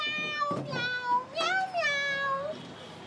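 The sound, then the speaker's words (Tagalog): A cat meows in two long, drawn-out, wavering calls, one right after the other, its voice oddly human-like and fairly loud against faint background noise. “Pero nga daw, tingog sa tao ito nga kuring nga. Nga nag-meow-meow.”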